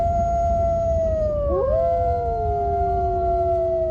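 Several wolves howl together in long, sustained, overlapping tones that bend and cross in pitch, loud and clear over a low, steady rumble, with no talking.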